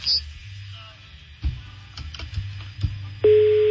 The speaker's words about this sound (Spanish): Está sonando el teléfono de Erika. Está sonando, pero no contesta